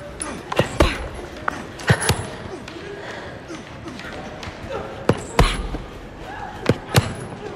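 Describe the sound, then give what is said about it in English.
Fists thud repeatedly against something solid, about a dozen punchy blows landing in uneven bursts at a sparring ring, with faint voices murmuring in the background. “Back at the sparring rings, Triss looks down at her bruised knuckles and continues punching.”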